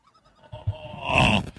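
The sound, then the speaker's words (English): A bird at the Liney Lodge calls with one drawn-out, nasal, bleating cry that swells louder before cutting off, preceded by a few faint short chirps. No one speaks. “Not the loudest bird in the world.”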